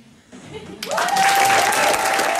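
After a brief, quieter start, thunderous applause erupts and holds steady and loud, with a sustained whistle-like tone cutting through the dense clapping.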